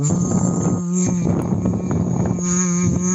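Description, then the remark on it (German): A voice hums a steady low tone while blowing through a thick hose into a plastic bottle one-third full of tap water, making a continuous rough gurgle of bubbles. The hum and bubbling run unbroken, with a brief dip just before one second. “ist einfach nur eine Plastikflasche mit einem dicken Schlauch drinne und man macht die Flasche ein Drittel mit Leitungswasser voll und dann blubbert man hinein, aber in summender Art und Weise, das hört sich dann ungefähr so an.”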